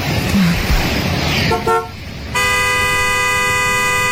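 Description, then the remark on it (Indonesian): Passing road noise gives way to a loud car horn that blares in one long, steady blast, holding unbroken through the final seconds. “Woi, kalau mau mati jangan di mobil gue.”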